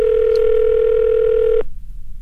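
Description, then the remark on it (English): A steady, loud telephone dial tone hums for about a second and a half as a call is placed to Oshkosh, Wisconsin, then cuts off abruptly into near silence with faint line noise. “In fact, let's get on the phone right now and see if we can get a winner in Oshkosh, Wisconsin.”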